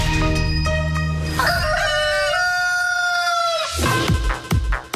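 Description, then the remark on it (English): A rooster crows loudly, a single long drawn-out cock-a-doodle-doo with a rising start and sustained wavering tone, sounding on its own with no talking. “Well, we have all the answers and more right here on Chook's Morning Roost.”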